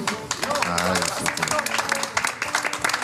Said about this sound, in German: Ich finde das auch einen Applaus wert.